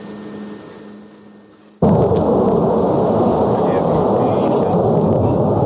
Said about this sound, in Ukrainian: У небі гуркіт нашого літака, що повертається із завдання, а на землі тим часом свій клопіт.